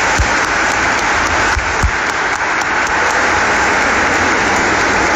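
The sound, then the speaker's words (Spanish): A crowd applauds the young people from the schools who attended, a steady, dense wash of many hands clapping at an even, sustained loudness for several seconds, with a few low thumps underneath and no voices. “Un aplauso para los jóvenes, sí.”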